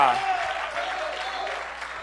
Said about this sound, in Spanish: Puede darle un fuerte aplauso al Señor. Aleluya.